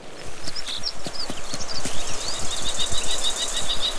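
A kestrel gives a sharp, high-pitched warning call at a golden eagle, driving it away from its nest, first a few scattered notes and then a rapid, evenly spaced run of shrill cries, with irregular clicking and knocking noises underneath.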